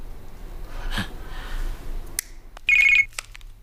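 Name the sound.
telephone ringing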